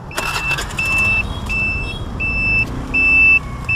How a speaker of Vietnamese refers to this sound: Khởi động chiếc xe máy lít màu mận chín, kéo theo một xe lôi được thiết kế gắn thanh nam châm lớn để hút đinh